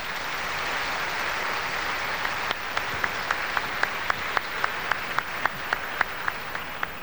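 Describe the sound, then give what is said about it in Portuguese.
A crowd gives a strong round of applause to thank the communities of Capim Cheiroso and Nossa Senhora do Carmo and the radio listeners, a dense wash of clapping that partway through turns into loud, evenly spaced rhythmic claps in unison, with no voices over it. “Então vamos agradecer às comunidades, aqueles que nos ouvem pela rádio, com uma forte salva de palmas.”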